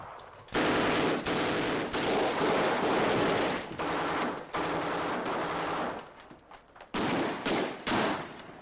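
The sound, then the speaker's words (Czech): Sustained bursts of loud machine gun fire, dense rapid rattling that runs for several seconds, breaks off briefly, then resumes in a shorter burst before tapering into scattered shots. “Měli odvahu jen dokud si mysleli, že si netroufnem střílet.”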